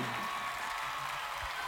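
Steady applause from an audience, a dense crackle of many hands clapping at once, sustained and even without pause. No one speaks over it.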